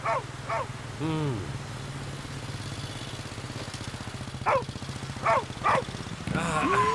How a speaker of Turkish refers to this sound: Ha? Bu köpek sesi de nereden geliyor?